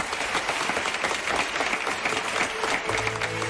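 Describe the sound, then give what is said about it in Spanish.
A steady burst of audience applause, many hands clapping in a dense, continuous wash at a fairly even level, with a low tonal hum entering near the end. “aplauso.”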